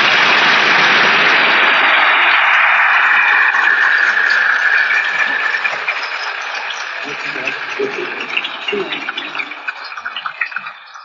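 A large crowd at a congress applauds the event's organizers in a loud, dense wash of clapping that holds steady for several seconds, then thins out into scattered individual claps as it dies down.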